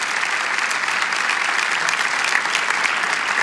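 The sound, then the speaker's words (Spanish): An audience at a church service bursts into steady, sustained applause given to the Lord, many hands clapping densely and evenly for several seconds at a fairly loud level, with no speech over it. “Si lo creen, damos un aplauso al Señor.”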